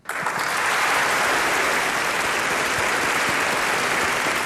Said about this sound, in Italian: Beh, anche noi stiamo applaudendo qui in studio, insomma.